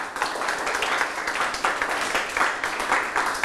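classroom applause

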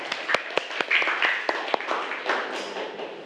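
classroom clapping

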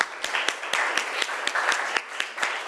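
classroom clapping

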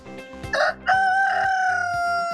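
rooster crowing

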